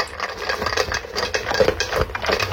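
Pet dogs eating dry dog kibble at home: a steady jumble of sharp crunching and clicking, fairly loud and irregular, with dense overlapping bites and rattles and no voices.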